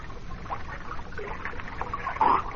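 Continuous water sloshing and splashing as someone scoops and drinks from a stream, with a brighter splash near the end and no talking.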